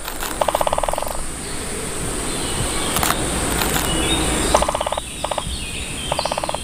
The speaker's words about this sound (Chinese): 大斑啄木鸟非常善于啄凿这些高耸的松树。借助强大而锋利的鸟喙，大斑啄木鸟可以在树干上熟练地凿出深深的树洞。